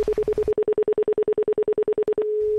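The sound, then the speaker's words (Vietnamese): A telephone number being dialed: a quick, evenly spaced run of about twenty short electronic beeps, clear, ending in a steady unbroken tone. “Anh gọi cảm ơn người ta đi.”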